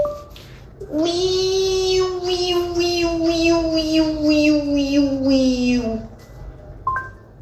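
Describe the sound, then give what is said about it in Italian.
A human voice mimics a Japanese cicada, addressing a Google voice assistant, with one long, strained, buzzing drone lasting about five seconds, its pitch sagging slowly while the upper tones pulse rhythmically, loud and alone. “tante congratulazioni per il tuo premio, per aver fatto l'imitazione della cicala giapponese”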